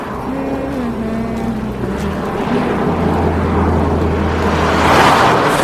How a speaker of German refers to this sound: Der Wagen rast dicht an Nele vorbei.